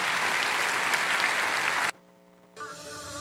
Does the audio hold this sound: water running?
no